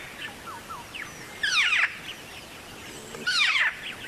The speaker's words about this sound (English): So I think it's a black-faced cuckoo shrike. I teach my students that call as the ray gun. The ray gun call. Oh, that's to me, good. It's like, wah, wah, wah, wah.